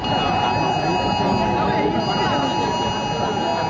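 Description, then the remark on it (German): Many mobile phones blare an emergency test alert at maximum volume, even those set to silent, a loud, shrill, continuous electronic tone that holds steady throughout, with a noisy murmur of people and surroundings underneath. “Ja, die Handys, die piepten hier tatsächlich auf maximaler Lautstärke.”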